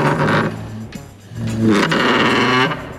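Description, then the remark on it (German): A chair is dragged across the floor in two loud, scraping pushes, each a grinding, groaning screech with a wavering pitch, separated by a brief pause. No one speaks. “Leider nicht, das wäre ein Stuhl gewesen.”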